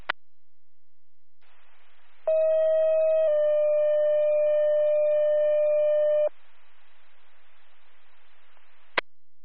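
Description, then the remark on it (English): Second-round fire dispatch paging tones over a radio for the Donsville fire department, sent for a structure fire with smoke from a detached garage in Colchester: a brief steady tone steps straight into a longer, slightly lower one lasting several seconds, framed by radio hiss and a sharp click at each end. “We're going to reach on. Donsville Fire, second tones.”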